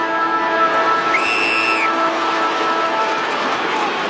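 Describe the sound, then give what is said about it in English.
A three-quarter time siren at a football match involving Geelong sounds one steady, high-pitched blast lasting under a second, rising out of a loud, continuous crowd roar that carries on after it stops. “He'll go back to kick his third on the three-quarter time siren.”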